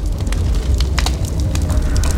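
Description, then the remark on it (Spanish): A fire burning strongly: a steady, loud low roar with irregular sharp crackles and pops flaring above it throughout, and no voices. “¡Ya está muy fuerte la lumbre!”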